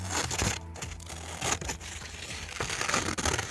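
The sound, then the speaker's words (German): Scissors snip through paper for Scherenschnitt (silhouette paper cutting) in Schmölln, Germany, in a series of irregular, crisp cuts, mixed with rustling and crinkling as the sheet is handled. There is no talking. “Es braucht nicht viel. Schere, Papier, eine Idee und Ruhe.”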